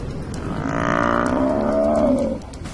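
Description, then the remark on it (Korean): A buffalo, stalked by a female-led pride of lions, gives a long, low, drawn-out lowing call with steady harmonic tones, rising slightly before fading, heard alone over a faint background rumble. “암컷이 이끄는 무리가 물소를 노리고 있습니다.”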